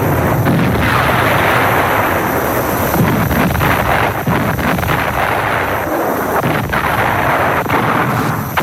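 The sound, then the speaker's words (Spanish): German artillery cannons of all calibres fire in a dense, continuous barrage against the Allied fleet approaching Europe's western coast, with sharp repeated blasts breaking through a loud, roaring wall of rumble and noise. No voices are heard. “Mientras las poderosas unidades de la flota aliada se acercan a la costa occidental de Europa, cañones alemanes de todos los calibres inician su enérgica reacción.”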